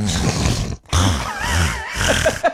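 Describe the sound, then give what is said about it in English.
A voice imitates the snorting sinus noises of a man with a sinus issue in three rough, wet bursts separated by short pauses, with gurgling, nasal snorts and grunts that are fairly loud. “He has, like, a sinus issue, and so he's just, like, constantly making noises.”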